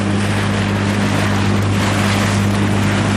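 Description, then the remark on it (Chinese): A kayak crosses Zhari Namco lake in Tibet toward the island in the middle of the lake, amid a continuous loud rush of water and wind, with a steady low droning hum running underneath the whole time. No one speaks. “乘坐皮划艇前往湖心岛需要30多分钟。”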